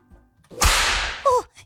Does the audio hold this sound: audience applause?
no